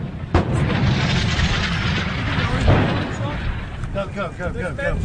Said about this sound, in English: Go, please go. The explosions were in front and behind. We approach very close to Corioli now, and there appears to be a firefight happening about 100 metres in front of us.